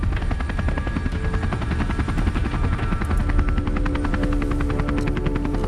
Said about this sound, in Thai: เฮลิคอปเตอร์ขึ้นแล้ว